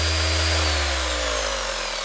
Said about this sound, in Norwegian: Nei, du må hjelpe meg litt der. Det sirkelsaga. Så ikke den båten borte inne en halvtime, så kapper vi av de 40 centimeterne.